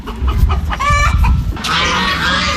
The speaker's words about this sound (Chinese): 走进密云区密园小农合作社的如新农场，鸡鸣鹅叫声此起彼伏